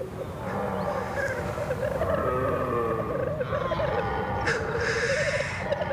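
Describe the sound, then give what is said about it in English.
Black grouse males warbling in a continuous bubbling, rolling chorus in high valleys in late September, fairly loud and steady throughout, with a few sharper hissing calls breaking through near the end. “Warbling voices of black grouse blending into the roar of stags.”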